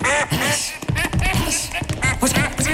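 A duck quacks in a rapid, continuous run of loud, nasal calls, one after another with almost no pause, and no one talks over it.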